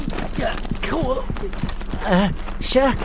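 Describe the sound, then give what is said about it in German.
Quick, evenly paced footsteps thud as someone runs, with breathy gasps and short wordless vocal sounds rising over the steps. “Vom Rennen wird Huckepuck ziemlich dolle durchgewirbelt.”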